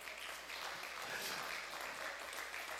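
A crowd claps steadily for a few seconds, a dense, even wash of many hands with no pauses. No one speaks over it.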